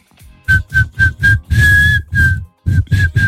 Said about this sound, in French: Je suis un mauvais siffleur moi. Vas-y. Bah c'est bien. Mais j'arrive pas à faire, je suis incapable de faire un air avec mes sifflements.